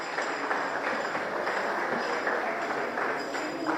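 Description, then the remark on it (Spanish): Steady, dense applause from an audience for Team Paraguay's rowing team, a continuous wash of many hands clapping at an even loudness for a few seconds, with no voices standing out above it. “Fuerte el aplauso para el remo.”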